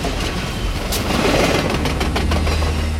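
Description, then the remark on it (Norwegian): A passenger train rolls past on the tracks, a steady loud rumble with low engine drone and repeated clattering bursts from the wheels, without voices. “brann langs jernbanelinja I går gjør at morgentogene på Sørlandsbanen innstilt mellom Kristiansand og Drangedal”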